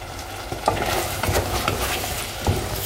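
Butter sizzles steadily in a frying pan, a continuous crackling hiss punctuated by a few sharper pops and light scraping clicks, with no voices present.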